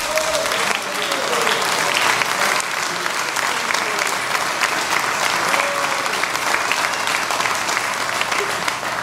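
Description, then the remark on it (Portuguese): An audience claps their hands for Jesus in sustained, dense applause for about nine seconds, loud and steady throughout, with faint voices calling out beneath the clapping. “palmas para Jesus.”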